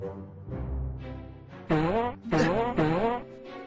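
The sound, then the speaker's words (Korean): A short, low, rumbling fart sound effect, presented as coming from the wooden Trojan horse, followed by three loud, warbling vocal bursts that sound like a strange, cackling laugh. “진짜로 트로이 목마가 방귀를?”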